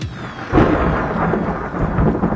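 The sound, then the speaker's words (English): A thunderstorm with a loud rumble of thunder rolling over steady rain, the broad roar swelling after a brief quieter moment and continuing without any voices. “It only takes one storm, one strong wind, one roof leak.”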